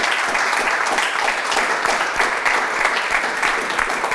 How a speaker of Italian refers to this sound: C'è un applauso. Sì, grazie.